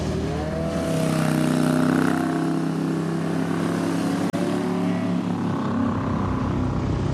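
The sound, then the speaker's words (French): An old motorcycle engine rumbles steadily on a small road with a deep, throbbing pulse and strong low harmonics, sustained loudly throughout with a brief dropout partway, no voices. “On peut pas avoir complètement le charme de ces moteurs. Vraiment incroyable, quoi. Enfin, on sent les pulsations, ça gronde.”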